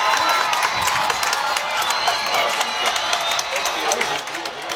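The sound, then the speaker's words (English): A huge stadium crowd at a football game at Jake Field roars and cheers continuously as the fourth quarter begins with a light show, a dense wall of shouting and applause with sharp whistles and claps poking through, loud and sustained throughout. “Listen to this crowd.”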